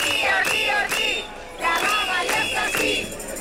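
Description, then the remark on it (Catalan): A large crowd of hundreds of teachers chants loudly in a rhythmic, repeated pattern at the Conselleria d'Educació in València, many voices shouting together in pulses roughly every half second with a dense, raised pitch. “S'han concentrat centenars de professores i de professors per a fer costat als seus negociadors.”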